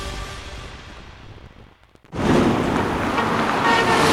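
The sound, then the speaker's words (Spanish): Steady rain hisses while a car horn toots as traffic passes; after a brief lull the downpour surges back louder and denser. “Que la próxima lluvia te agarre, pero manejando.”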